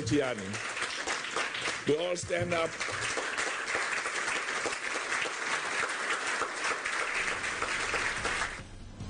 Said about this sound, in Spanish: Quiero que todos se pongan de pie. Quiero que se pongan de pie y aplaudamos a Gianni.